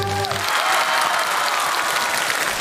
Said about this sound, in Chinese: 好了，那朋友们，如果您觉着咱们这个唱联能顺利完成，给他来点掌声好不好？